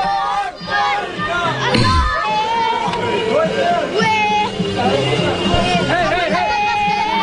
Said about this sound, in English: After the attacks, this is what they were doing. Allahu Akbar, kids are out in the street screaming and celebrating.